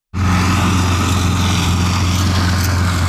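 A motorized push lawn mower, pushed back and forth by an 86-year-old man on a large lawn in Ørje, Marker municipality, runs steadily at a loud, constant drone with a strong low hum, with no voices.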